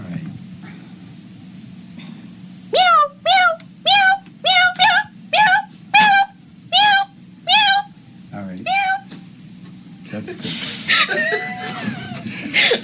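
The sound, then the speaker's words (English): A voice imitates a cat meowing frantically: about nine loud, quick meows in a steady, urgent rhythm, each rising and falling in pitch, followed by laughter and chatter. “Frantic meowing.”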